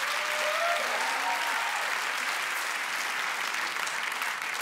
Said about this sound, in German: Mega, ein Applaus.